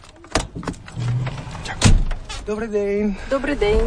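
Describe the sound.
Inside a heavy truck cab on a driving licence exam track on the outskirts of Kyiv, a couple of sharp clicks and clunks as the instructor checks the seatbelts are fastened, with a low engine hum, followed by people talking.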